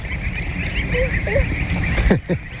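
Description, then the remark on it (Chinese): Two short, nasal honks from geese bred for foie gras, grey-feathered with bright yellow on the head, rise over steady farmyard background noise, followed by a brief scuffling rush of movement as the birds hurry away. “你看这个鹅，它跟我以前见过的都不太一样，头上是亮黄色的，然后就特别漂亮。”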